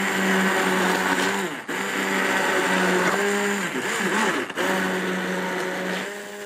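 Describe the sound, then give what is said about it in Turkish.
An electric food chopper whirs loudly and steadily, its motor pitch wavering as it chops, with two brief dips where it pauses before spinning up again. “Rondom çalışıyor.”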